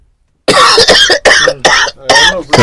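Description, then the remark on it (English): A burst of loud coughing caused by traffic: about five harsh coughs in quick succession after a brief silence, with no speech. “Traffic, the traffic make you cough.”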